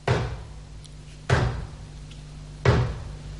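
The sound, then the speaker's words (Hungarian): A door being opened sounds three times in a row, heavy wooden thuds about a second and a bit apart, each fading out over a low steady hum, with no voices. “Az ajtónyitás most csapást jövendel.”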